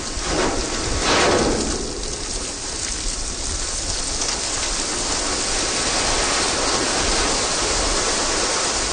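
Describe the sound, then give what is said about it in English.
A ship's hull grinds and crashes through sea ice in Antarctica in a dense, continuous roar of crunching and hissing, with a louder surge near the start, and no voices. “Here's a recording you made of the ship hitting sea ice.”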